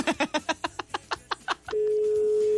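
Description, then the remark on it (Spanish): A quick run of choppy, burst-like sounds gives way to a steady, unbroken telephone tone after an unanswered call, humming on alone, loud, until the end. “Y dejó el teléfono en el buró.”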